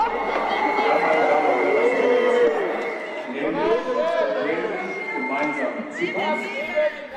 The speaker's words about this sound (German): Es sind genau 30 Minuten bis zu dem Moment, der dem Kanzler im Gedächtnis bleiben dürfte. 30 Minuten, bis die Stimmung komplett kippt. Von höflichem Applaus zu lautstarkem Protest.